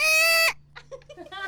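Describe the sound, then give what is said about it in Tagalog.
A voice imitates a squeezed parrot as a buzzer in a trivia game: one loud, strained, nasal squawk held for about half a second, cut off sharply, then people start talking. “Ang isa do parot nga naipit, ang isa do salakyan nga nagprino.”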